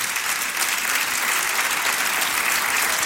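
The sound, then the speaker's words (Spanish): An audience applauding the Lord for his word, a dense, steady wash of many hands clapping at even loudness for about three seconds, with no voices standing out above it. “Aplauda si le va a aplaudir al Señor por su palabra.”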